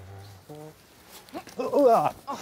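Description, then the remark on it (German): A goat bleats as it is being caught, a short soft call followed by a louder, wavering, drawn-out bleat, with faint scuffling and a brief extra cry at the end. “Dafür muss die Ziege aber erst mal eingefangen werden.”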